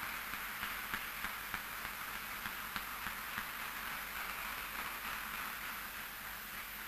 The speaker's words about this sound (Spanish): Gloria al Rey. Vamos a darle otro fuerte, fuerte aplauso al Señor. Gracias, Señor.